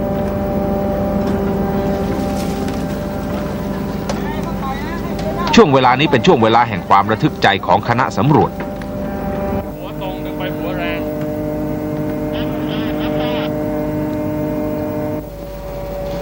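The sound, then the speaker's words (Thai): The engine of a light-luring fishing boat, used to draw schools of fish together, drones steadily and low at sea, a constant hum running through the whole stretch while a man speaks over it in the middle. “เรือไฟล่อปลาก็ทำหน้าที่ล่อให้ฝูงปลามารวมอยู่ที่เดียวกัน”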